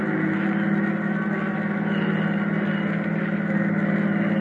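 A car drives steadily along an old, high-crowned, snowy back road in Connecticut without chains, its engine giving a continuous, fairly loud droning rumble with a constant hum of road noise and no voices.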